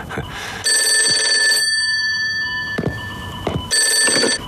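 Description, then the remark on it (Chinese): An old-style telephone bell rings loudly in two long, bright bursts separated by a short pause, with no one talking over it. “电话。”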